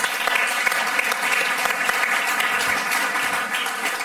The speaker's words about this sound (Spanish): Pues ahí estaba un madrileño triunfando en Hollywood en El Mago de Oz. Un aplauso para los del Río.